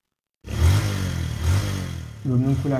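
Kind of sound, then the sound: vehicle, motorcycle taxi engine revving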